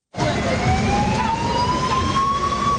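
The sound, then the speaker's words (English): A UN escort vehicle's siren wails with a slowly rising tone over loud engine and road rumble as it clears the way for a bus of migrants deported from the United States in Central African Republic; continuous, no voices. “A UN escort vehicle clears the way in Central African Republic for a bus of migrants deported from the United States.”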